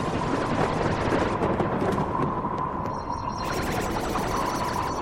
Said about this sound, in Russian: И он бы знал, о чем оно, если бы на рассвете его не разбудил странный, словно громовой раскат.